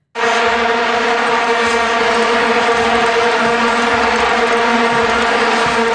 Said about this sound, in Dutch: Dat waren die vuvuzela's, die plastic toeters die wereldwijd bekend geraakt zijn toen door het WK daar.